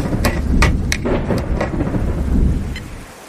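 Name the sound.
rain and thunder outside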